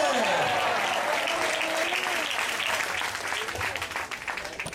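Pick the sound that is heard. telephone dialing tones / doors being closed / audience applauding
audience applauding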